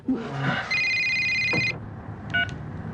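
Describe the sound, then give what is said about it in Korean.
An electronic telephone ring sounds clear: one steady, buzzing tone lasting about a second, then a brief second chirp, over a low rumbling background. “한묵지가 전화를 받는다.”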